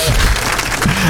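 A brief, loud burst of applause, a dense crackle of clapping with a murmur of crowd voices underneath, lasting about a second.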